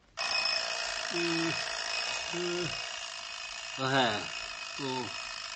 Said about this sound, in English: Let's listen as the alarm clock starts their day.